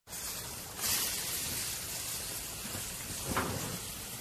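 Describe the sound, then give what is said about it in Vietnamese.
A steady wash of rain hisses continuously, dense and even, with a couple of brief surges in intensity and no voices. “Mưa này mà có nồi lẩu cay thì ăn đã lắm.”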